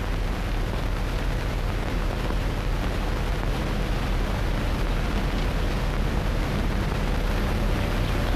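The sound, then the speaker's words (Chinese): A dense, steady roar of motorcycle engines, loud and continuous with a heavy low rumble and broad noisy hiss, holding an even level throughout without breaks or voices. “连长，连长，摩托车来了。”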